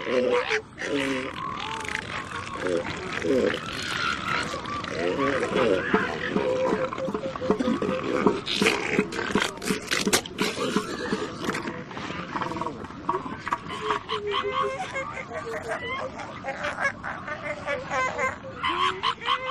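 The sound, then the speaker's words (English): A dense chorus of elephant seal calls, much of it produced deep within the seals' chests: deep, throaty roars and belches overlapping honking, bleating cries, loud and continuous throughout as if recorded amid a crowded colony. “One would expect that they would use this organ to bellow, belch, and snort, but most of the sound comes from deep within the elephant seal's chest.”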